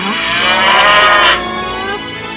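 A single long, loud cow moo swells and then fades away, heard on its own with no one talking.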